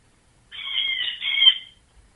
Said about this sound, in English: It's a bird. Oh, can you go punch the bird in the face? It's really annoying.